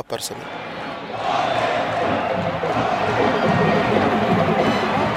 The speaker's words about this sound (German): Am Abend sind rund 20.000 Menschen im ausverkauften Stadion. Sie singen, klatschen, trommeln.